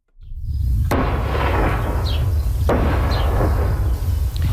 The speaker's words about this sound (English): Explosions in southern Lebanon as Israel continues to target Hezbollah sites today. The strikes come a day after Israeli and Lebanese delegates signed a renewed ceasefire deal in Washington.